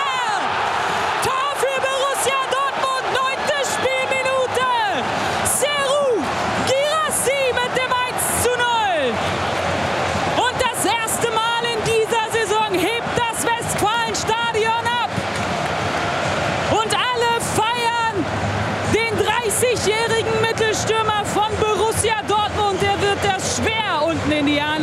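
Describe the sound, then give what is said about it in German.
A huge football stadium crowd roars, applauds and cheers a Borussia Dortmund goal without pause for the whole stretch, loud and dense, with many voices rising and falling in ecstatic whoops and chant-like swells. “Auf Höhe der Eckfahne, der Applaus und der Jubel regnet auf ihn nieder”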